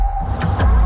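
A fully electric BMW car drives by: a low, steady rumble with a thin, constant electric whine on top and a couple of brief rushing swells of road noise.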